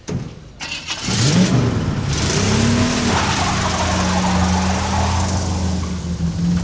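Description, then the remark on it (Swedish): A small car's engine starts up and revs hard, its pitch sweeping up and down before settling into a loud, steady roar as the car drives at full speed. “Bilen körde i full fart.”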